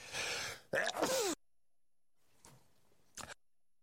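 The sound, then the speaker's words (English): A loud sneeze bursts out after a short breathy intake, followed by near silence and a couple of faint sniffs or breaths. “Me, I'm sneezing here.”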